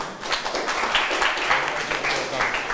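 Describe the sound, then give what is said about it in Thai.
A group of students in a classroom claps for a classmate the teacher has called on to answer, a dense, steady patter of many overlapping hands, moderately loud and continuous for a few seconds, with faint voices mixed underneath. “เลขที่10เลขที่10ใครเอ่ยเชิญค่ะปรบมือให้เพื่อนหน่อย”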